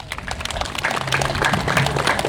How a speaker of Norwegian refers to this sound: Gi han en applaus, den loven.